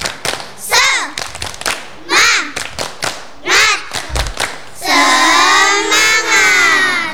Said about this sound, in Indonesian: Nah, anak-anak, agar hari ini lebih semangat lagi, marilah kita tepuk bersama-sama. Tepuk semangat.